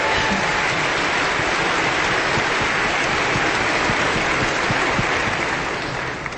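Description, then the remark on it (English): A crowd at the season's final Look Maza Sunday Concert Series applauds former chair and board vice chair Mike Klein, loudly and steadily, a dense wash of many hands clapping that holds for several seconds before easing slightly at the end, with no speech over it. “Yes, another round of applause for Mike.”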